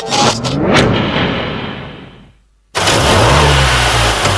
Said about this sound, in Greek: Ακούσε πώς πάει, ακούς υποδύναμη, ροπές! Πάει σφαίρα το εργαλείο, άλλαξες μηχανή.